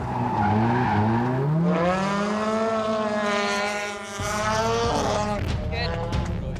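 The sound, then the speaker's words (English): A race car's engine roars loudly and continuously on the track during qualifying, its pitch climbing through gears, then dipping and surging again as it drives the track, with a brief lull midway. The driver is on a first run at this track. “Just dialing in the line, getting used to the car. New to the track as well.”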